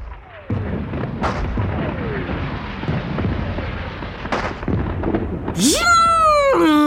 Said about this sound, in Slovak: Žunk! Žunk! Vírilo vo vzduchu katarínske koleso. Bum! Bum! Vyletela rímska svieca. Plesk a tresk a ťap a frnk. Navôkol sa roztancovali petardy a bengálske ohne zafarbili všetko na šarlátovo.